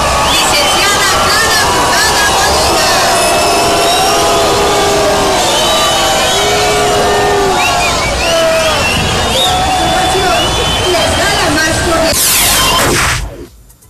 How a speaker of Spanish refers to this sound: No me quedó claro si fue abucheo, ¿no? Sí. Estaban diciéndole brugada. ¿Sí? No, sí fue abucheo.